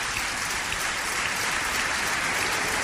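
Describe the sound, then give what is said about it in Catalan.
A crowd applauds loudly and steadily, a dense wash of many hands clapping at once with no pauses and no voices over it. “Per tant, dediqueu-li un fort aplaudiment.”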